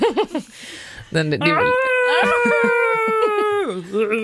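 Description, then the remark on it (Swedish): A human voice imitates a whale call during a radio morning show in a studio: after a few short vocal bursts, a long, loud, drawn-out moaning tone rises, holds steady for about two seconds, then slides down. “You speak whale.”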